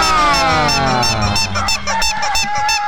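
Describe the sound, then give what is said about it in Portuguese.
Loud, busy rooster and hen clucking, with rapid repeated squawking calls piling up in a steady, chattering rhythm, and no talking; used for the rooster-and-hen game (brincadeira do galo e da galinha) on the Guilherme Santos radio program. “Nosso abraço lá para todos da família Turati, que oferece pra gente a brincadeira do galo e da galinha.”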